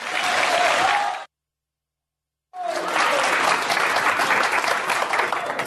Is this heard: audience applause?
yes